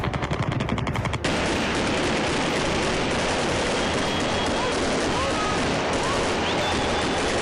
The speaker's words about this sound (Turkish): O dönem MİT'in bulunduğu Yeni Mahalle semti de gece boyu darbecilerin hedefindeydi. Helikopterden yaylım ateşi açılıyordu.